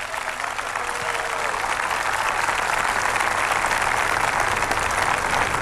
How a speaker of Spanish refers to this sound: Aplausos en la intervención de este joven senegalés